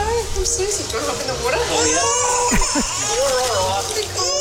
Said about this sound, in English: Oh, my God, baby's crying.